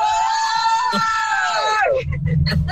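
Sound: group of women screaming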